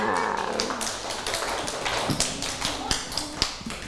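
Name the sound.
children clapping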